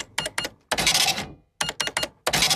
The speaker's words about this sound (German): Die alte Registrierkasse, die noch nicht piept hat.